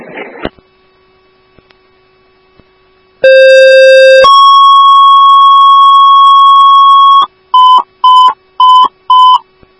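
Fire dispatch alert tones sent to Grove 1AF for a second crash: a loud steady tone shifts to a higher, longer held tone, then four quick evenly spaced beeps follow, over a faint electrical hum after a brief crackle.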